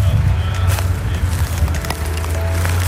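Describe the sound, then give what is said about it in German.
Deep, steady rumble of fire engine motors left idling so the vehicles can respond at any time drones throughout, a continuous low hum with scattered clicks and crackles over it and faint voices in the mix, at a dusty site with hoses laid on the ground after weeks of too little rain. “Ansonsten hört man hier im Hintergrund schon die Feuerwehrfahrzeuge brummen. Da sind die Motoren natürlich noch an, damit die jederzeit reagieren können.”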